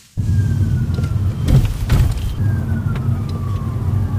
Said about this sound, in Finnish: Etäältä lähestyvän hälytysajoneuvon sireeniä muistuttavat vinkaukset kuuluvat, kun jalan nostaa kaasupolkimelta. Citroen EC3 ottaa energiaa talteen.